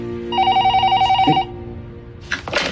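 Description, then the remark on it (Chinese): A telephone rings with a rapid, pulsing electronic trill lasting about a second, clear, followed by a brief pause and some rustling or handling noise. “你给打个电话呀，给他。”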